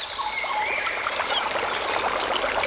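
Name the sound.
flowing stream water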